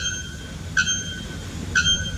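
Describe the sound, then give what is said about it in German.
A bare-throated bellbird, whose calls were measured at over 120 decibels, gives two loud, metallic, bell-like calls about a second apart, each a sharp clanging note with a ringing tail, with no voices over them. “Der Nackkehl-Glockenvogel und der Rotfuß-Serima flöten mit über 120 Dezibel.”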